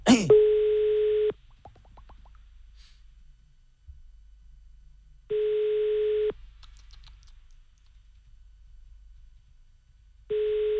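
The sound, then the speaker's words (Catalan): A telephone ringback tone repeats unanswered as a man being called does not pick up: three steady, single-pitched beeps, each about a second long, spaced roughly five seconds apart over a faint line hiss, with no one picking up or talking. “No vol agafar el telèfon aquest home, perquè ens ha agafat el telèfon abans, saps?”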